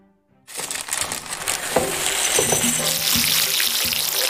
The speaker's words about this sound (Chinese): 糯米酿酒的传统在我国流传已久，手做糯米酒洗米是基本功，将糯米洗出白浆，再用冷水浸泡至少12小时以上，等待糯米吸足水分捞出，就可以上锅蒸了。